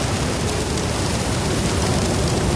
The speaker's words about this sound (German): Der Regen. Da ist er wieder. Entweder bei euch im Das Ding-Viertel hat es heute schon geregnet oder aber der Regen kommt heute noch zu euch.